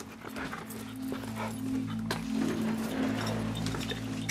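A dog whines and whimpers steadily, its high, drawn-out cries broken by a few short, sharp yelps or barks. No one speaks.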